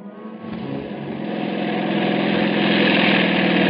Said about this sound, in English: See a motorcycle coming. Swing in behind him when he passes. There he goes.